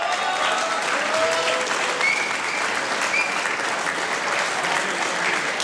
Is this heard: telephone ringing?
no